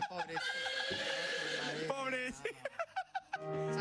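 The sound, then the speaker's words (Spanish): A person vocally imitates a horse whinnying: a long, wavering high-pitched cry followed by a series of short, choppy bursts, fairly loud. “Y empezó a relinchar el caballo.”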